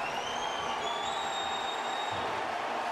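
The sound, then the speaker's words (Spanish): A stadium crowd in Portland applauds Portland Timbers player Diego Valeri as he comes on as a substitute around the 89th minute, in a steady, dense wash of clapping and cheering, with long high-pitched whistles drifting over the roar. No one speaks. “minuto 88, casi 89, viene el cambio de Portland y es Valeri el que va a entrar por Van Rankin y escuchen este aplauso para Diego Valeri.”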